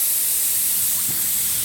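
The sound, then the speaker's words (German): A steady, loud hiss of air escaping from a flat tyre, continuous and unbroken throughout, with no voices and only a faint low rumble beneath it. “Warum bremst du? Ei, wir haben Platten.”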